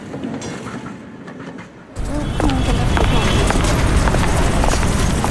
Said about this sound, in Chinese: 电车启动了，打着铃向远处驶去。